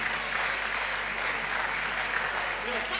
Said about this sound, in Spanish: le pedimos el aplauso para recibirla